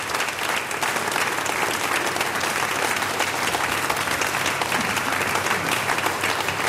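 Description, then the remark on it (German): Steady, dense applause from an audience, given on behalf of the Kultur- und Stadtmarketing in Voitsberg, many hands clapping at once in a continuous bright crackle that holds at an even, fairly loud level throughout with no voices on top. “Und du bekommst noch meinen großen Applaus vom Kultur- und Stadtmarketing in Voitsberg.”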